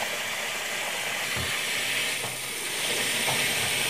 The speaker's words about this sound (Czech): Předvedem, názorně, natočím. Normálně vodu natočíte. Natočím normální vodu.